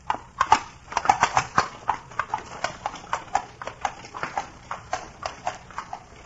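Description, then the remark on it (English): Steady clip-clop of the hooves of mares pulling a carriage, a brisk regular rhythm of sharp knocks, continuing throughout with no talking over it. “Perhaps when you have gentle horses.”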